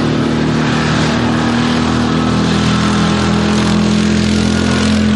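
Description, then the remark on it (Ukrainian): A quad bike engine rumbles steadily and loudly, a low droning hum with a rough mechanical texture that holds constant throughout, with no voices. “Або навіть гуркотіння мотору квадроцикла.”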